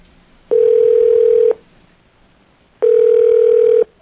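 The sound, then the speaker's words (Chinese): A telephone ringback tone from a call placed around half past seven in the evening sounds twice, each a steady one-second electronic buzz separated by a pause of about a second and a half, clear with no voices. “啊，我就迄阵下班七点外吼，七点半左右我就甲卡，恁听看卖哦”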